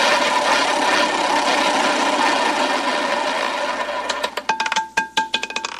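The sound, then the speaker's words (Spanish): A prize roulette wheel, spun to pick the winner of a coffee maker, spins with a steady, loud whirring rush, then breaks into sharp clicks that space out and slow down as the wheel coasts to a stop. “Por la cafetera, ruleta activada.”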